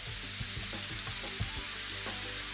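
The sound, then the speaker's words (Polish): Light rain falls in a steady, soft hiss, with faint scattered patters and low taps woven through the even wash of noise. No voices are heard. “Może padać sobie deszcz.”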